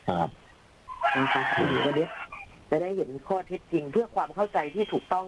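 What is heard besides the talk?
rooster crowing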